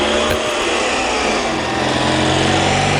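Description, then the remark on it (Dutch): A racing car engine, recorded by a reporter, revs loudly and steadily, a dense, buzzing high-pitched drone that holds without a break for the full three seconds, with no voices over it. “En we hebben gevraagd onze verslaggever even de motor even op te nemen. Dus dan kunnen we even luisteren hoe die klinkt.”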